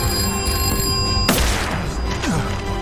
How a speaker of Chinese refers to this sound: 我最担心的事情发生了， 撒狗的，有人还不接电话。